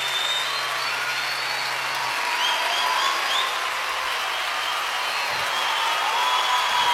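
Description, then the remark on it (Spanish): Steady, dense applause from an audience at the end of a discussion, a continuous wash of clapping that holds at an even loudness for several seconds with no voices standing out. “Fuerte el aplauso.”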